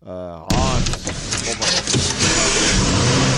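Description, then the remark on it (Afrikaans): After a brief tonal, voice-like opening, a car engine abruptly starts and roars loud in the intro of a song, a dense steady rumble that carries on for about three seconds. “Ek weet net nie altyd hoekom die manne altyd so 'n kar of 'n ding of iets het wat by die intro is, hy catch my altyd amper uit.”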